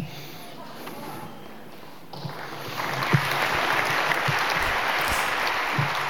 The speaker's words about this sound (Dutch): Applaus voor dichter Benno Barnard op de Nacht van de Poëzie op 29 september 2018 in Tivoli Vredenburg.